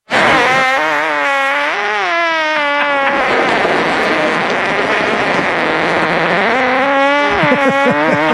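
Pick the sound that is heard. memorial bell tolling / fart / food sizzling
fart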